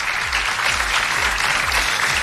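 Sustained applause from an audience for the jury of the Pulsar awards, a dense, steady wash of clapping filling the whole moment, with a low rhythmic thump pulsing underneath.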